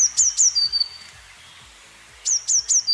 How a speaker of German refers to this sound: Eine Blaumeise, genau.